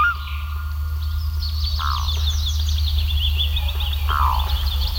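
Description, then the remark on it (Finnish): Several birds sing and chirp continuously, with bright overlapping trills and a couple of slurred whistles, over a steady low rumble in the background. “Vielä hetki kesässä kuuluu lintujen laulua.”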